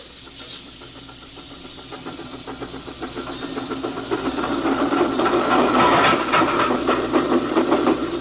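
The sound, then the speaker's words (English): Train number 29, pulling only three cars on a downgrade, rolls by a train waiting on a siding, its steady mechanical rumble and rapid rhythmic clatter swelling louder over several seconds, with a hissing wash of steam on top and no voices. “We wait here on the siding. Let number 29 through.”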